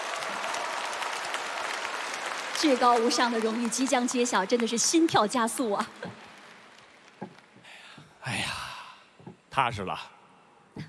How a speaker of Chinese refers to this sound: 我觉得不能厚此薄彼，优秀男演员奖的提名奖已经揭晓，也同样让我们现场响起热情的掌声，为所有提名的优秀男演员们鼓掌。